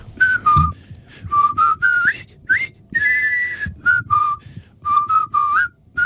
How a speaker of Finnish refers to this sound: muistaa sen hauskan vihellyksen, jota nämä kiinni otetut brittisotilaat viheltävät silloin, kun he menevät rakentamaan tätä Kvaijoen siltaa